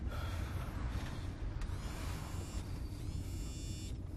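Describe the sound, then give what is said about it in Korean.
An old car engine rattles and rumbles steadily, a dense, constant low chugging with a faint higher whine on top. No one speaks. “아이고, 이거 엔진 소리 아니야? 에이, 차가 낡아서 그런지 그냥 덜덜거리는구나.”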